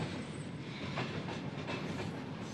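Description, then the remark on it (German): A train rolls steadily along the rails with a dense, continuous rumble and faint rhythmic clicks of wheels over track joints, without any voices. “Der letzte Zug mit Zivilisten verließ Königsberg am 28. Januar 1944.”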